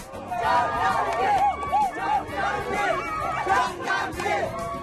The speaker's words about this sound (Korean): 한낮의 기온이 40도 가까이 치솟아 더워도 너무 더운 올여름 장흥에서 열리는 물축제가 막을 올렸습니다. 기대만큼이나 열정적인 함성.